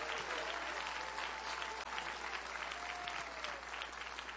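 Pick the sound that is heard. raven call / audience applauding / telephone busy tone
audience applauding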